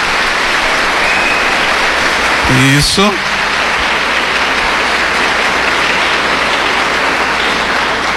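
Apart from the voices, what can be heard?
audience applause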